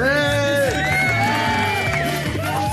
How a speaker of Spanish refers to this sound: Ya no griten tanto, ¿eh? Ya no griten tanto, muchachos. Hagan tanto ruido.